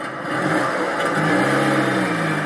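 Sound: petrol car engine revving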